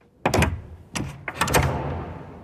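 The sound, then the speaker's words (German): A door bangs shut with a heavy wooden thud, followed by a few more knocks and rattles as it is pulled back open, the sound trailing off into a low rumble. No voices. “Die Türe, die zuerst krachend ist zugeschlagen worden, geht jetzt wieder ein Spältchen auf.”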